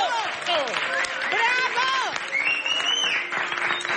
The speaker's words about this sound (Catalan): Ha arribat el gran moment de la gosseta que ens acompanya. La Coco apareix a l'escenari enmig d'una gran ovació i tothom l'aplaudeix.